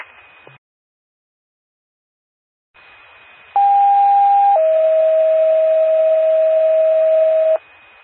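A loud two-tone ambulance dispatch pager alert over radio static, paging an ambulance in Carlinville: a steady higher tone holds for about a second, then drops to a lower tone held for roughly three seconds before cutting off.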